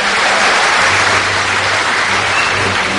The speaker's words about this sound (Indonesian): Berilah tepuk tangan.